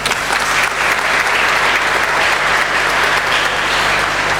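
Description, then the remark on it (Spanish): Loud, sustained applause from a crowd acknowledging the presence of the president of the Junta Municipal, Gerardo Valreni, a dense steady clatter of many hands clapping at an even level for several seconds with no pause. “Fuerte aplauso.”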